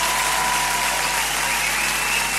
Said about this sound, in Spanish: ¡Ah, cómo que me enganché ese aplauso!